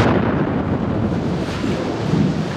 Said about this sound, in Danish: Ja, en eksplosion, en bombe.